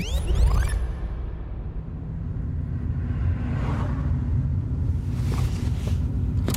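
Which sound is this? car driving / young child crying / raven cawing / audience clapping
car driving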